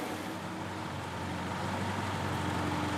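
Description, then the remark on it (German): Old East German (GDR) cars from an IFA collection in Quilow rumble steadily as they drive out of a hall, a continuous droning motor noise with a slight hum. No one speaks. “Dann kommen die anderen DDR-Relikte aus der Halle. Sie sollen später die Wohnwagen nach Anklam ziehen.”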